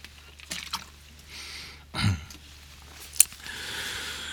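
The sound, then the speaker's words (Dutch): A few soft handling knocks and a clink, then a brief, quiet trickle as a little water is poured to drink as a precaution, over a low steady hum. “Nog een beetje water nemen uit voorzorg.”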